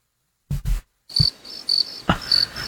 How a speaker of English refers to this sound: Oh, not the crickets. The dreaded crickets. I only like crickets if I'm camping. I don't want to hear the crickets otherwise.